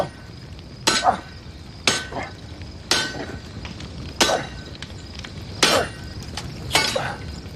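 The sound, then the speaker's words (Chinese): A sledgehammer is swung onto an iron blade being forged, striking six times at roughly one-second intervals, each loud clanging blow ringing briefly with a metallic tone, without speech. “躲开， 哎， 躲开，就抡嘛，就砸嘛。”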